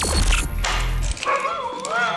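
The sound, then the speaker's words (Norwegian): A dog gives a short bark followed by a high, wavering whine that rises and falls, all over a low rumbling background lasting about two seconds. “Ut med hunden.”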